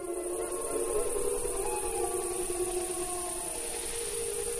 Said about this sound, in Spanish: Sí, claro, las manadas, los lobos. Bueno, ya hablaremos de eso más adelante, pero los lobos aullan entre ellos, ¿no?